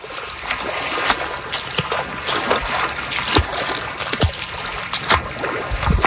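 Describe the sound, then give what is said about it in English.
Splashing water with repeated sloshing surges as a person moves quickly through the shallow part of a lake in the late afternoon toward deeper water to swim, fairly loud, with a continuous watery wash underneath and no talking. “I'm going to move quickly through the shallow part of the water, try to get to some deeper water real quick, and hopefully not get swimmer's itch.”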